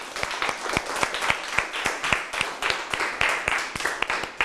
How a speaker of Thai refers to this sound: ถ้าใครมีนะคะยกมือเลยค่ะแสดงตัวขึ้นมาได้เลยค่ะเราจะปรบมือให้กับผู้โชคดีของเราค่ะ